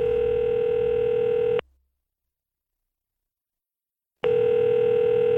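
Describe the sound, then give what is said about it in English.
A steady, loud telephone dial tone hums for about a second and a half, cuts off abruptly into silence, then returns just as loud near the end, as a phone taken into a bathroom is used to make a call. No voices. “I grabbed the phone and took it into the bathroom where I called my girlfriend's dad”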